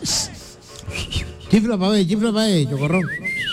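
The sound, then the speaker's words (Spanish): After some rubbing noise, a voice makes wavering, sliding tones, then a sharp, loud whistle rises and falls near the end, like a taxi driver whistling at a motel to get attention. “Y el taxista chiflaba.”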